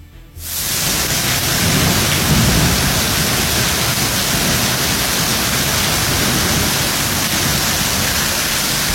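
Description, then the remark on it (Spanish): Heavy rain pours down in Pabellón de Arteaga, north of Aguascalientes, in a dense, steady roar that cuts in abruptly after a brief quiet moment, staying loud throughout with no voices, only a faint low rumble underneath. “Ahí lo tenemos en pantalla para que usted sea testigo de la fuerte lluvia que ya llegó a Pabellón.”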